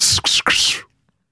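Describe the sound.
A voice imitates an arrow whooshing by as a sound-effects demonstration, blowing three quick, breathy hissing bursts with the mouth, the last one longer and trailing off into silence.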